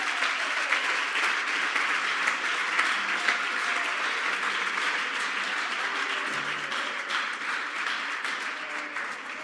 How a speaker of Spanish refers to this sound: Así que tenemos hoy un total de espérate, esto tiene que aplaudirlo, que se te queme las manos. 175 en la casa de Dios.